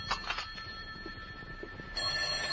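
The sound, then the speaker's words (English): A telephone rings at 10:30 in the morning in an apartment in Hartford, a steady, shrill bell tone, fairly faint and slightly muffled, with a brief burst of clatter at the start and the ringing swelling again near the end. “And that's where it stayed until the phone interrupted my first cup of coffee the next morning at 10:30.”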